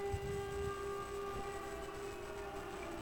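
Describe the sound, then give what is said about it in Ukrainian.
An air raid siren sounding an air raid alert in the Ivano-Frankivsk district holds a steady, droning tone for the whole stretch, fairly loud and unbroken, over a low rumbling background with no voices. “Увага, повітряна тривога в Івано-Франківському районі.”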